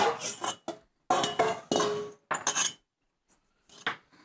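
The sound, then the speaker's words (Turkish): Two metal cooking pots clatter and scrape in a series of loud bursts, with short pauses between the clanks and a final rattle after a brief silence; no one speaks. “Geliyorum iki tencere.”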